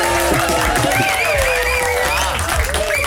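Steady, loud applause from a crowd welcoming a Dutch stuntman from the film Spider-Man: Brand New Day, a dense wash of clapping lasting a few seconds with some cheering tones riding over it.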